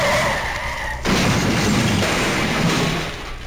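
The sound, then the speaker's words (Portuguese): A loud tire screech for about a second as a car skids, then an abrupt, harsh crash into another car that rumbles on as a noisy clatter before fading at the end. No one speaks. “Ô, seu cretino, você amassou todo o meu carro, vai ter que pagar!”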